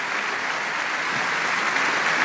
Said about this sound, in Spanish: La Iglesia de Filadelfia también les envía un aplauso de bienvenida a esta mañana a este lugar.